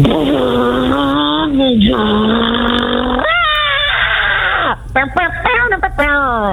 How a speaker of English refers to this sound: Give me the car. It's a getaway car peeling away from the bank. But then, oh no, give me the scream. Someone is in the road.